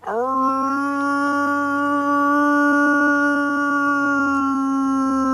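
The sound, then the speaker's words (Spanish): A man howls like a wolf to call the wild wolf pack he lived with in Sierra Morena: one long, sustained, steady tone with a rising start, loud, held for several seconds without break, no other voices. “Pues yo llamaba a mi padre, que eran los lobos ya.”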